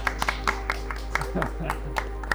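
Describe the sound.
Sharp hand claps ring out in a loose, uneven rhythm, like a small group applauding, with a faint voice murmuring briefly in the middle.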